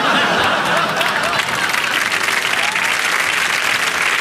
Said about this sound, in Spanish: Un gran aplauso, nuestro cariño.